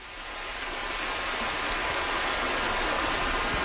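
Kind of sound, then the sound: nature, river water flowing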